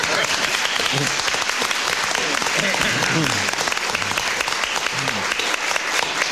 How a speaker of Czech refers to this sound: tak je rád, že mu přicházejí zatleskat takové hvězdy divadelního nebe, jakými jsou Carmen Majerová a Petr Kostka.